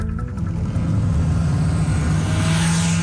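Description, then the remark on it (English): A loud engine of a noisy modified car revs and roars steadily, its deep rumble holding strong with a rising whine toward the end, with no voices over it. “Inspector Bradley Johnson with the city's traffic safety team says they'll be targeting the drivers of noisy modified vehicles in a clampdown called Operation”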